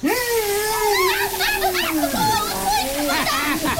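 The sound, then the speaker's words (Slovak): An elephant sprays and splashes water steadily, fairly loud, while a voice hums or vocalizes over it with sliding pitch throughout. “Dobrá práca, stričko slon. Dobrá práca. Som úplne mokrá.”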